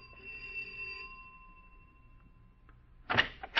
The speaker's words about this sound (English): Ring the doorbell.